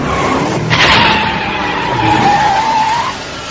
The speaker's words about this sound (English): Hear that? It's his car.